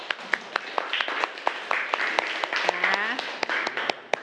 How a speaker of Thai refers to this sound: อ้าวก่อนอื่นปรบมือให้เพื่อนหน่อยเร็ว